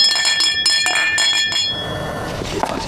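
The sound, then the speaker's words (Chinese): Several drinking glasses clink together in a festive toast among friends, in a quick flurry of bright, ringing taps, their tones lingering briefly before fading into a soft background murmur. “来，干杯！ 说了 干杯！ 节日快乐！”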